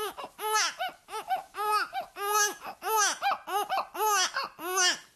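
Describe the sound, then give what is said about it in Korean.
A voice imitates a baby with a run of high, arched, rhythmic laughing and babbling sounds, fairly loud, pulsing in quick repeated bursts with no ordinary speech. “자, 애기 흉내를 또 내고 있어요.”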